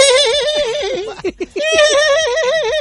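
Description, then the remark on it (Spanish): A person mimics a horse's whinny, a loud, quavering high-pitched neigh that breaks into a few choppy huffs midway before the wavering call resumes. “Y le hacen como caballo, güey. ¿Cómo le hacen, …?”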